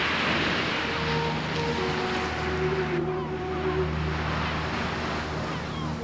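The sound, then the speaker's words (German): A steady, loud wash of Black Sea waves and surf rushes on without a break, with a low, droning motor hum running underneath. No one speaks. “Und im Osten das Schwarze Meer.”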